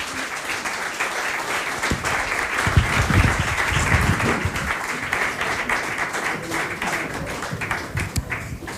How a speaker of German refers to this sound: Und ein donnernder Applaus.